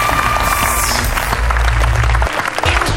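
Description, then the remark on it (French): A loud crowd cheers and applauds at the start of the show Planète Junior. Dense clapping and whoops fill the space continuously, with a heavy low rumble beneath and no individual voices standing out. “Salut la foule en délire!”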